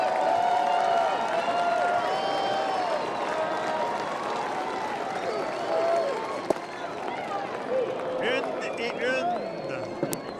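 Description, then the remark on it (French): A baseball crowd at a Golden Knights game gets lively, a dense, steady roar with scattered clapping and raised voices, staying loud throughout, with a sharp crack near the middle and whistle-like tones toward the end. “La foule qui s'anime.”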